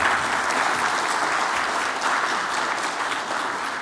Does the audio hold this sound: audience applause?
yes